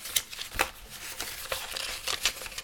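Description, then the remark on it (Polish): Crisp rustling and crinkling of paper sheets, including a warranty card, being handled and shuffled while unpacking a product from a blister pack, with several quick sharp bursts of rustle over a few seconds and no voices. “Otrzymujemy na sam początek papiery. Papierów jest tutaj trochę.”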